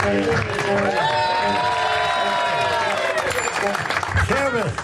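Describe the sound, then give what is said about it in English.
A crowd applauds and cheers loudly and continuously for about five seconds, with scattered whoops and shouting voices rising over the dense clapping. “thank you for that inappropriate begging for applause response.”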